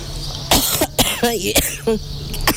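An 80-year-old woman who says she is ill coughs several times in close succession, harsh, raspy bursts with a throaty, wheezy edge between them, over a faint steady electrical hum, while being interviewed in the street in Fuerte del Rey.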